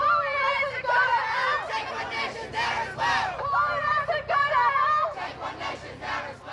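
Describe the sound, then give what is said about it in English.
A dense protest crowd of many voices, including students, talks and calls out at once in the Perth CBD. It is a loud, continuous babble with occasional raised shouts rising above the overlapping chatter. “So there seemed to be quite a bit of support just anecdotally from walking around with this large crowd.”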